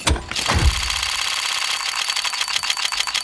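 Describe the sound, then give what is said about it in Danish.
A loot box case opening in the video game Counter-Strike: a soft whoosh and low thump, then a long run of rapid, bright clicking ticks that spin past at a steady pace, with no voices. “det er faktisk en lootbox inde på spil Counter-Strike”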